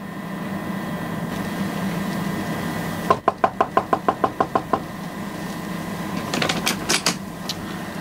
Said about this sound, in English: I moved after him and peered round the corner of the passage in time to see him knock at the door of a stateroom